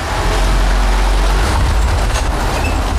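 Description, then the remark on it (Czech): A car drives steadily downhill through the main inclined tunnel of a mine at Zlaté Hory, Czech Republic, descending underground toward the third level, its engine and tyres producing a loud, constant low rumble that echoes with a broad roar, with no voices. “Sjíždíme vlastně takovým autotunelem.”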